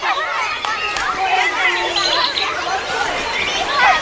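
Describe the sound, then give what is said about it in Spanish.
Outdoor ambience of people chatting in a park, a steady babble of overlapping voices with no words standing out, plus scattered higher-pitched sounds like birds or children in the background. “en un parque o en el sofá de casa.”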